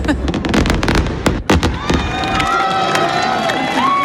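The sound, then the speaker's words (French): Fireworks burst in a rapid, crackling barrage at an evening fireworks display, then give way to thinner whistling streaks over a steady murmur of crowd noise from spectators and scattered voices. “Certains sont venus de loin car plusieurs communes ont annulé leur feu d'artifice à cause de la canicule et de la sécheresse.”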